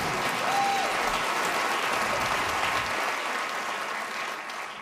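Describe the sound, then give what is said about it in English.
A crowd applauds steadily, a dense wash of many hands clapping at once, sustained and fairly loud for several seconds before tapering slightly toward the end. “I don't know if you guys are clapping because I have self-esteem or I like Slurpees.”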